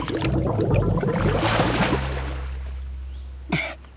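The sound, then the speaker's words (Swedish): Dense, gurgling bubbles churn for about two seconds as Pippi holds her head under the water of a waist-deep puddle to wash her hair, then fade into a low rumble before one short sputtering burst near the end. “Så sa Pippi och doppade ner huvudet under vattnet så länge att det började bubbla.”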